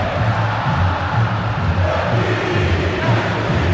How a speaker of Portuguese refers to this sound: Tem que ouvir o que o torcedor tá cantando.